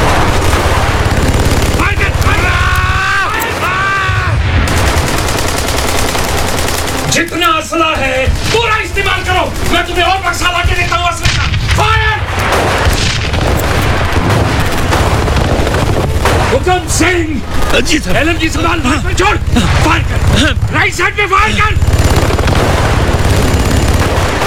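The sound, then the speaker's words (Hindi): Dense, continuous bursts of machine gun and rifle fire crackle loudly throughout, with booming blasts mixed in and men's voices shouting over the battle noise, in a battle in bitter cold between Chinese troops and the soldiers at Major Shaitan Singh's two posts. “अपनी मशीन गनों और बंदूकों के ट्रिगर पर भीषण ठंड के कारण उनकी उंगलियां काम नहीं कर रही थीं।”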